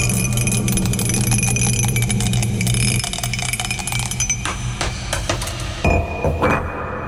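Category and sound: sound effect, dice being rolled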